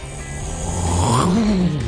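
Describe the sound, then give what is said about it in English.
A voice imitates the Hooligans aircraft flyover for the Battle Jacks' opening night: a steady rumbling roar that swells and bends upward in pitch over about two seconds, with no other talking. “By the way, this is my imitation of the Hooligans flyover tonight.”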